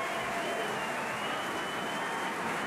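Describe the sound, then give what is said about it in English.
A large audience at the Santa Fe Opera applauds the Santa Fe Opera Orchestra as Maestro John Fiore takes the podium on the Crosby stage, before the conclusion of Puccini's Madama Butterfly. A dense wash of clapping from many hands holds at an even level throughout, with no voices rising above it. “And the audience applauds the Santa Fe Opera Orchestra.”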